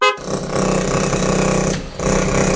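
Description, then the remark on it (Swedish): A hydraulic rammer hammers loudly in a rapid, steady rattle of impacts with a harsh metallic roar, breaking off briefly near the end before resuming. No one speaks. “Hörde du? Det är en rammer i sitt naturliga habitat.”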